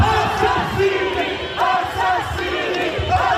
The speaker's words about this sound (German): Mörder, Mörder, schämt euch, rufen die Menschen.